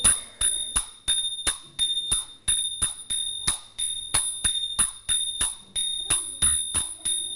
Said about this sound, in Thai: พอได้ไหมคะได้แต่ว่าเสียงฉิ่งเริ่มไม่ชัดแล้วเสียงฉิ่งชัดแต่เสียงฉับไม่ชัด